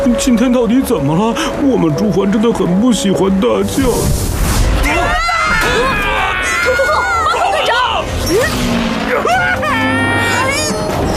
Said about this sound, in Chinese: 我好像听到了巨大的撞击声，撞击声！是枯树。